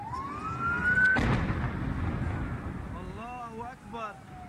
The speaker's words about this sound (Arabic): الله أكبر، عم صور قام صار انفجار تاني. الله أكبر، الله أكبر، الله أكبر، في شيء مو طبيعي.